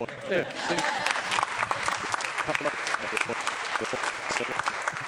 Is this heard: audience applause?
yes